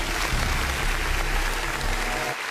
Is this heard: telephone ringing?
no